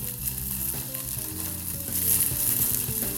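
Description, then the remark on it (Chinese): Shredded rehydrated dried shiitake mushrooms sizzle steadily in a frying pan as they are fried to bring out their aroma, a dense crackling hiss that swells slightly louder toward the end, with no one speaking. “是，香菇丝就直接下。 好，爆香。”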